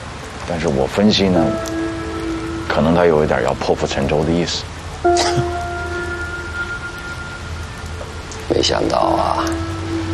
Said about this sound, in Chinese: 今天下雨